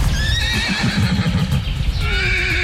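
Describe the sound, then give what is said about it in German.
Wild horses of Dülmen, a herd of 400 living year-round in the Meerfelderbruch nature reserve, whinny and neigh loudly, their calls rising and falling, over a dense rumble of hooves clip-clopping and shuffling on the ground, with no talking. “Julian Beuter, WDR 2, raus in den Westen, war gestern bei den Wildpferden in Dülmen.”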